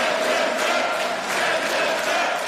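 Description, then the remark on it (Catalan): Right-wing and far-right lawmakers in parliament in Brussels chant the slogan "Send them back" about immigrants in unison, loud and steady, with a rhythmic, repeated cadence filling the whole stretch. “Han aplaudit dempeus, amb algun puny alçat, i alguns fins i tot han cantat això sobre els immigrants.”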